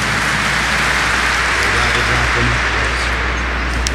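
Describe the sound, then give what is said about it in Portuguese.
An audience applauds the word of God in a dense, steady wash of clapping that holds at a constant loud level for about four seconds, with no voices rising above it. “palavra de Deus com as nossas palmas.”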